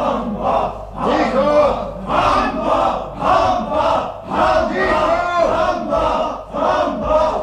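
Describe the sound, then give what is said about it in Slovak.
A crowd of prisoners shouting and yelling together in a loud, continuous uproar as executions approach, voices overlapping in rough bursts that swell and dip every second or so without pause. “Vyvádzajú a kričia, že sa už nedá s nimi vydržať.”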